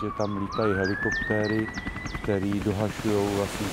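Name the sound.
emergency sirens wailing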